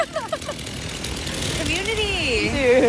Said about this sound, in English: Then a man in sandals stepped out of a truck with a chainsaw and started bucking a tree.